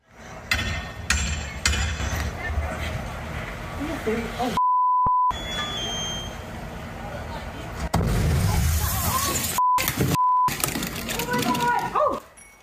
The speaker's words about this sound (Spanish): La investigación preliminar indica que la explosión se originó en un transformador eléctrico.